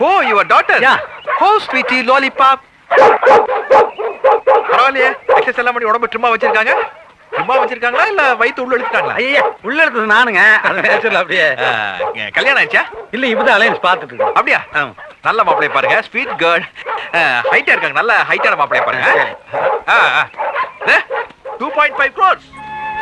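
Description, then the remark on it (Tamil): A new dog barks and whimpers repeatedly as it pulls and will not obey anyone, its yelps loud and frequent, mixed in with people talking throughout. “புது நாய் இழுக்குது, யாருக்கு கட்டுப்பட மாட்டேங்குது.”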